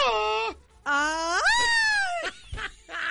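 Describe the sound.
A person imitates the scream or cry of Kiko: a short falling wail, then a long loud one that swoops upward, holds and drops, followed by a few brief strained bursts.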